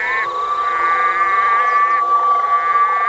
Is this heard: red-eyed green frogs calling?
yes